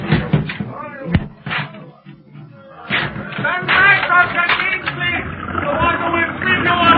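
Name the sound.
door being broken down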